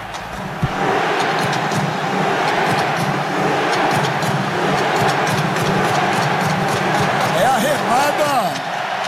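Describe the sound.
A large crowd of Norwegian football fans in red shirts performs a rowing chant, a loud, steady roar of many voices punctuated by rhythmic shouts and claps, with a few rising calls standing out near the end.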